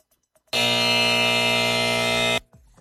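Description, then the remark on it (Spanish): A single loud, harsh game-show strike buzzer, marking the first strike on the board after the answer "water" is not found, blares steadily for nearly two seconds with a dense, raspy tone, then cuts off abruptly, leaving quiet afterward. “¡Primer strike en el tablero!”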